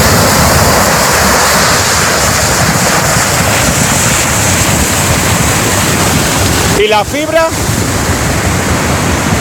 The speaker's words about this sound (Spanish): Es el sonido del vídeo grabado por un vecino de la zona. En las imágenes se ve cómo el agua atraviesa toda la carretera y cae en forma de cascada, obligando a cortar la circulación tras arrastrar árboles, maleza y demás vegetación